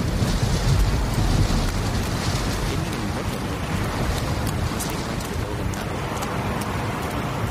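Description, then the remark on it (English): Steady, loud storm noise from a storm overhead at night fills the whole stretch, a dense roar of wind with rain-like hiss and faint higher crackles, continuous with no talking. “That storm is practically overhead.”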